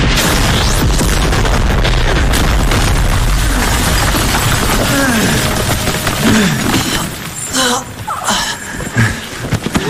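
Several loud explosions from bounding landmines going off under a person's feet, in quick succession, deep booms rumbling low and heavy, with crackling debris and a lingering roar; faint voices are briefly audible near the end.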